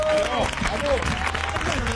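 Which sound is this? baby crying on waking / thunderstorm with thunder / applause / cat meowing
applause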